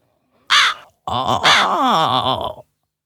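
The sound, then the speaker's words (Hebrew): A crow caws twice, loud: one short, harsh squawk, then after a brief pause a longer, rasping call that wavers before cutting off. “למה לא? קרא עורב.”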